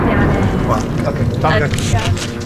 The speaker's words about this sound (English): He's telling us that although he's not a member of Hezbollah, he does support their cause, when he's interrupted by the sound of incoming jets.